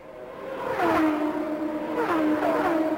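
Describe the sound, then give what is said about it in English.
Race cars roar along a track, their engine pitch climbing and sweeping in repeated rising whines as they accelerate, loud and continuous with no talking, as Michael Andretti's car builds back up to speed on the back stretch while the race continues under green. “Michael Andretti building back up to speed on the back stretch as this race continues under yellow, under green, I should say.”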